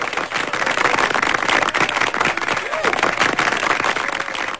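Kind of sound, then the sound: crowd, applause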